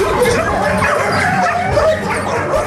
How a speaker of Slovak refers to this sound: No, už podľa zvuku sa dá vytušiť, že ani útulok nie je pre psíka ideálne miesto na život. Hoci sa tam o zvieratká obetavo starajú. Akoby na nás štekotom netrpezlivo kričali: "Vyber si mňa!"